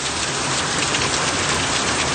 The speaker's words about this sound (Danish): Altså, man kan jo ikke høre på sådan en gang storm og regn, præcis hvor i verden det kommer fra. Men det her, det er altså lyden af et af de ordentlige regnskyl og blæsevejr, de har haft i Italien her på det seneste.